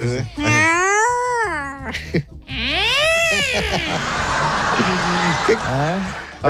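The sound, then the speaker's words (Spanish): Cats on a balcony meow loudly, several long drawn-out wails rising and falling one after another, with a harsh, strained, yowling quality and a noisy hiss between calls. “No, unos gatos estaban en el balcón.”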